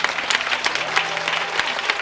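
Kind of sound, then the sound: crowd, audience applauding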